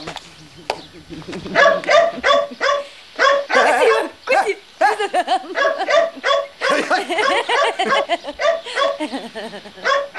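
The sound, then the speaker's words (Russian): A dog barks and yips rapidly and excitedly, loud, in quick bursts that run almost nonstop with only brief pauses, a few whiny notes mixed in, as it runs after a person skipping toward a manor house. “С зонтиком в припрыжку бежит к усадьбе, за ним бежит собака.”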